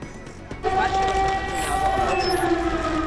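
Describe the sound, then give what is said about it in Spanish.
An air raid siren in Kyiv, sounding during German Chancellor Merz's visit, starts after a brief moment of rumbling, holding a steady, droning wail with layered overtones over a low murmur of background noise and voices. “Las alarmas antiaéreas vuelven a sonar en Kiev, en plena visita del canciller alemán Merz.”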